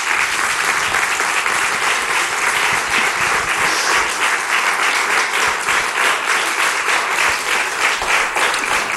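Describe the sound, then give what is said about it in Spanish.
Sustained applause from an audience, a dense, steady wash of clapping hands that stays loud and even for the whole stretch, with no voices rising above it. “Un aplauso, por favor.”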